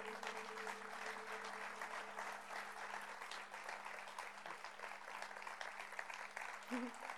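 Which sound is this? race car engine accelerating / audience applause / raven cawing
audience applause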